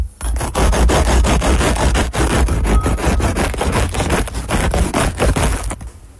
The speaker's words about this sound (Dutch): Het snijden van net gebakken brood. Oeh, lekker. Klinkt als zagen, dacht ik echt. Ja, zo. Het is natuurlijk ook een soort zagen, maar ik krijg wel meteen honger.